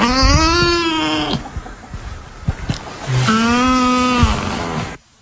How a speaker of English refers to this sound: Most people wouldn't know what a nutria sounded like. But I found nutria sounds. Mm-hmm. So just for the sake of discussion, this is what a nutria sounds like.